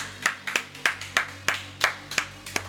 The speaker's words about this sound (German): Jo Leute, macht mal einen dicken Applaus hier für den Tixotrope.